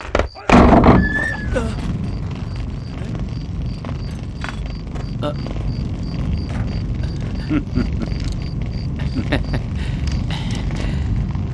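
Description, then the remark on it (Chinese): A few loud, heavy thuds strike a wooden door as someone shouts to open it, followed by a short, rising creak as it swings open, then a busy rumble of movement and indistinct voices as the place is searched. “开门！开门！”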